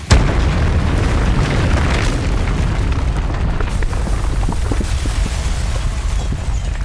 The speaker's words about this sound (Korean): 마침내 지옥 같은 계단을 올라 벙커에서 빠져나왔을 때 등 뒤에서 벙커가 무너져 내렸다.